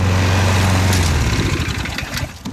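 An 86-year-old man pushes a petrol push lawn mower back and forth on a large lawn in Ørje, Marker municipality, a steady low engine drone whose pitch shifts and roughens after a second as it moves over grass, no voices.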